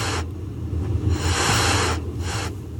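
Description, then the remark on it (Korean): Cats with their fur standing on end hiss sharply in three breathy bursts inside a dark warehouse: a short one, then a long drawn-out hiss and a final quicker one, loud, over a low, steady background rumble. “현우의 뒤를 따라 들어온 고양이들이 갑자기 털을 세우고 하악거리기 시작했다.”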